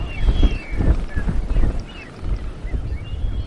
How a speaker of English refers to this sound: The wind blows harder.